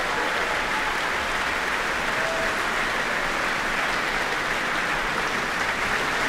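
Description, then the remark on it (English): Sustained, dense applause from a large orchestral concert audience, steady and loud throughout with no gaps, a broad wash of clapping hands with cheering mixed in, as the orchestra's woodwind players stand up on their feet. “The audience cheering for their favourites, for sure.”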